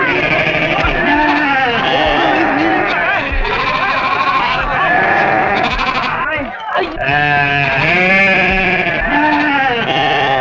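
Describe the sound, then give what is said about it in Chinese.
A crowded chorus of goats bleating continuously and loudly, many overlapping wavering cries filling the whole stretch with only a brief dip midway. “哎，哎，哎，走，山羊去，走，山羊去。”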